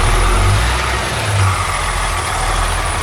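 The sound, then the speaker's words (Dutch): A truck engine idles steadily at the transport company JGT near Rotterdam, a loud low rumble with a constant throbbing drone and faint mechanical hum throughout, no voices present. “En die zit hier in de vrachtwagen.”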